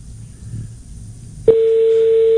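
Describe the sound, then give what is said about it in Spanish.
A landline telephone tone cuts in abruptly and holds as a steady, loud electronic hum after a short stretch of low background noise. “Pero esto no es timbre de celular, ¿no? No, sí. Parece fijo. Es que no, tiene distintos tonos.”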